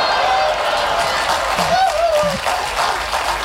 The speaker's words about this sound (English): But his circus was making a fortune, and the audiences willingly paid it to see Evil leap over 36 National Front members. And cheer when he never quite made it.